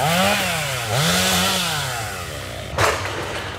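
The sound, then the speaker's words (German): Chainsaws clearing storm-felled trees in Ohrdruf drone steadily, their engine pitch rising and falling as they rev, with a brief sharp burst of cutting noise near the end. No one speaks. “Auch ein paar Kilometer weiter in Ohrdruf ist das Dröhnen von Motorsägen weiter allgegenwärtig.”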